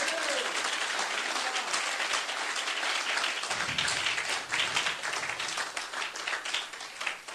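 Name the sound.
audience applauding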